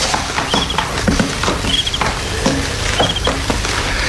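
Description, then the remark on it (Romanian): Crickets chirp outdoors on a warm summer night in brief, high-pitched trills that recur every second or so. They are fairly faint over a steady bed of rustling background noise, with no one speaking. “Țărie greierii.”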